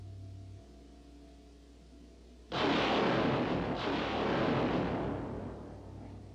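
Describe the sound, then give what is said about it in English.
A low, steady mechanical hum gives way to a sudden, loud roaring rush as small unmanned rocket ships, camera drones, launch from a spacecraft orbiting Mars, swelling again midway and sustaining as a dense, hissing blast with no talking. “Those small unmanned rocket ships you see leaving us will shortly be sending back television pictures as they fly near the surface, but we'll continue our view from orbit also.”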